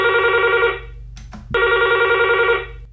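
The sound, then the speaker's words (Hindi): A telephone rings in two loud, electronic bursts separated by a short gap, with a steady low hum underneath and no voices, as the first caller phones in to a radio programme. “देखते हैं आज हमारे पहले कॉलर कौन है।”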